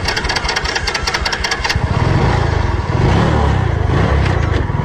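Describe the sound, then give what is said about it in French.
The motorcycle engines of two ecology park guards idle and rev at dawn at the entrance of Shinko airfield, a steady throaty rumble with rapid pulsing ticks early on, growing louder and fuller after a couple of seconds, with no voices. “À l'aube, dès le premier chant du coq, deux gardes spécialisés en écologie positionnent leurs motos à l'entrée de l'aérodrome de Shinko.”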